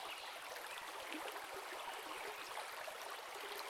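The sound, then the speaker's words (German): A river flows steadily in a continuous, bright rushing wash, with soft gurgles and small splashes scattered through it. The sound is even and unbroken, with no voices present. “Es fließt, unaufhörlich, und Nebel tanzen darüber hin.”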